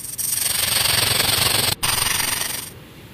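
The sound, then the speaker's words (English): A snake hissing: a long, loud, raspy hiss that runs for over two seconds, breaks off once for a split second, then resumes and fades out. “Ooh, it don't look right, but here is the animal sound of the snake.”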